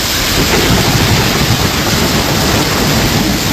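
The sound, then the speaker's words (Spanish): Heavy rain pours down steadily in a loud, continuous hiss, with a deep rumble of thunder rolling underneath throughout, during a strong night-time storm in Valencia on the Mediterranean coast. No voices are heard. “Que las fuertes tormentas como esta de anoche en Valencia han estado descargando buena parte de la noche en toda la costa mediterránea, desde Cataluña hasta Almería.”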